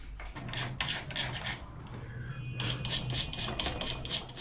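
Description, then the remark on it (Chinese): A carving tool, held by a craftsman using his middle finger instead of his index finger, scrapes redwood (hongmu) in a series of short, rasping strokes at an uneven but steady rhythm, each a bright hissy scratch, over a low continuous hum and with no one talking. “为此，钟锦德开始试着用中指替代食指来操控雕刻工具。”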